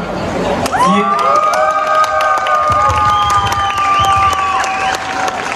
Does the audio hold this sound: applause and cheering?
yes